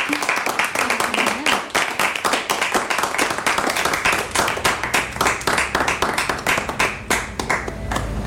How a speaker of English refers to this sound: Thank you, everyone. Thank you. Yeah, you're allowed to clap your hands. Thank you very much.